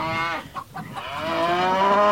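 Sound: cow mooing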